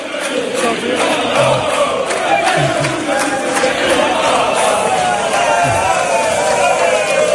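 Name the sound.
stadium crowd cheering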